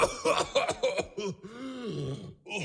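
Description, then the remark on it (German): A rapid string of harsh coughs from a man bursts out, then trails into a drawn-out, groaning throaty sound, as if he is hacking and clearing his throat loudly. “Dann hustet er.”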